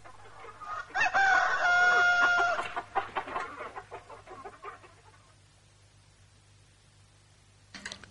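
A rooster crows loudly, one long drawn-out call with a rising then sustained tone, followed by a few fading clucks and faint scratchy sounds before quiet.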